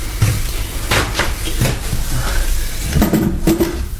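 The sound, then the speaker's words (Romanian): A drawer is pulled open with a series of wooden knocks and rattles, its contents clattering and shifting inside, fairly loud over a few seconds. “Acum deschide sertarul.”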